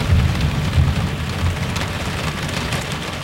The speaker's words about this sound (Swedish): Ja, SMHI varnar för skyfallsliknande regn i stora delar av Västerbottens landskap under eftermiddagen. Regnet väntas kunna ge 30-60 mm på många håll.